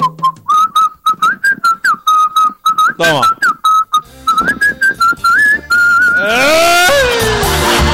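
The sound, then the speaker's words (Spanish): Someone whistles a melody fairly loud, a run of short rising and falling notes with brief gaps, while a voice briefly breaks in partway through. “Es que antes uno cantaba silbando, ¿sí o no?”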